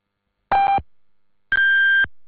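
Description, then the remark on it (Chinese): Radio time signal beeps on China National Radio's Voice of China: a short, lower electronic tone, a one-second pause, then a longer, higher-pitched tone marking 12:30 Beijing time. Both are loud, clean and steady, with no talking. “北京时间12:30。”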